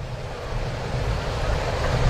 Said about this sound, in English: Rain picks back up here in Atlanta.